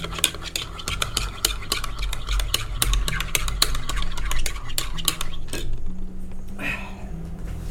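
A spoon stirs a drink briskly in a glass, producing rapid, repeated metallic clinks in a steady rhythm, fairly loud, with a low background hum and a brief swish near the end.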